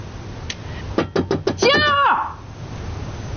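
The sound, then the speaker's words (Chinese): Four quick, evenly spaced knocks on a door, fairly loud, followed right away by a person calling out in a raised voice for someone to open the door. “你听不着啊？给大哥开门。”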